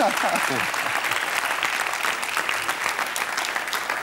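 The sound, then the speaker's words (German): Steady audience applause, a dense wash of clapping at even loudness throughout, with a voice briefly audible at the start beneath it. “Und den Applaus haben Sie schon, wenn er sich noch wiederholt.”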